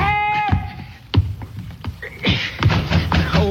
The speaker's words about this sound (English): All right, I'm coming. What you trying to do, tear the door down?